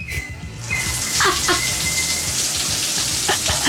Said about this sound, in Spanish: Ahí está la ducha.